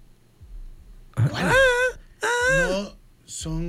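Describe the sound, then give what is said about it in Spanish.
A woman's high, wavering wailing vocal, part of a song edit, heard in three drawn-out cries separated by short pauses, loud over a faint low background hum. “Es una parte de la canción que han metido pero, ahí.”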